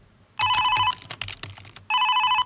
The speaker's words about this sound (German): Telefon, oh, nö, ich will da jetzt nicht rangehen. Ich will einfach nur meine Ruhe haben. Ich lasse es jetzt einfach klingeln.